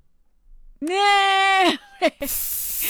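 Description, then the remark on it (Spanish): A long, wavering bleat-like cry comes first, then a short burst of hiss from an aerosol can of hairspray being sprayed on hair, loud, cutting off at the end. “un montón de Sprite, hasta acababas la botella.”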